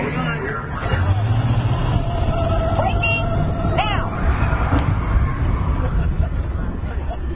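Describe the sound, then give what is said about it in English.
A car brakes hard without anti-lock brakes during a vehicle brake test, and its locked tires let out a sustained squeal over loud, steady road and engine rumble, with muffled voices in the background. “Let's get the brakes and see if I can steer you through.”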